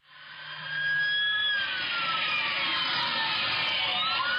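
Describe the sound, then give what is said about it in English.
Several police sirens wail together during a police pursuit of a blue Toyota Corolla, their tones gliding up and down and overlapping, loud and steady throughout against a broad rushing background of traffic noise. “And you can hear the sirens.”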